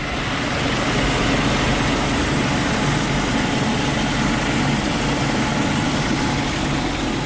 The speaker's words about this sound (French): Minutes de vol et l'hélicoptère Caïman du Charles de Gaulle se pose sur la plage arrière d'une FREM, une frégate multimission spécialisée dans la défense aérienne.